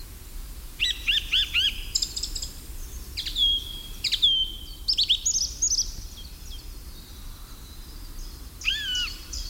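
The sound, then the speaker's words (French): Several birds sing in the early morning in overlapping bursts of high, bright chirps and whistled phrases, some trilled and repeated, over a low steady background hum with no one speaking. “les oiseaux chantent surtout au petit matin”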